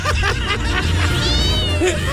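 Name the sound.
cat meowing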